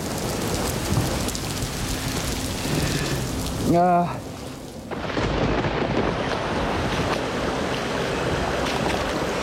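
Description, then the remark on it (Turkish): Steady rain, starting up again, pours down in a dense, hissing wash, briefly interrupted by a short voiced call or harmonic sound in the middle before the downpour continues. “Tam da bu sırada tabii ki yağmur yine başladı.”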